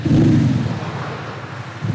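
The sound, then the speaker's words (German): A steady, low engine-like rumble with a deep droning hum, loud and continuous, resembling an Audi car idling, produced by a factory-fitted sound generator loudspeaker rather than the engine, reaching 93 decibels, with no talking over it. “So klingt der Wagen ohne Soundgenerator. Und mit Soundgenerator ab Werk dann so.”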